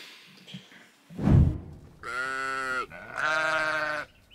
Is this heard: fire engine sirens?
no